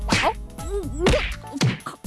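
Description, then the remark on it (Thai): Three hard punches land in quick succession, each a sharp thwack with a swishing whoosh between blows, like a staged fight sound effect with no talking. “ชกชกอัดเข้าไป โหยเดือดมากเลยอ่ะ”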